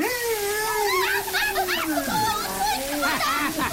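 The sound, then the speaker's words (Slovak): An elephant sprays water as a shower: a steady spray hisses and splashes throughout, swelling in bursts, while a voice makes wordless, gliding vocal sounds over it. “Dobrá práca, stríčko slon. Dobrá práca. Som úplne mokrá.”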